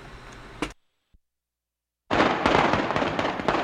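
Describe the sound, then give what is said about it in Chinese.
A sharp bang, a pause of near silence with one tiny click, then a loud, dense string of firecrackers, set off to congratulate a buyer on a purchase, crackling and popping rapidly without letup until the end. “来，买着先给你放炮恭喜一下”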